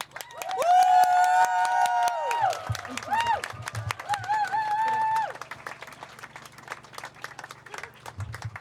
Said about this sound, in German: jetzt dürfen wir auch einmal einen richtig lauten Applaus machen für alle, die die Reden gemacht haben. Also machen einen akustischen Applaus für alle Reden gemeinsam.